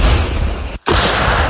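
artillery gun firing

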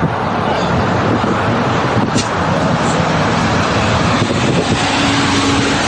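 cars queuing

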